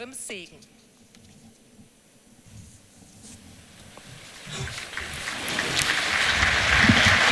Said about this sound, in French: Et les pèlerins applaudissent.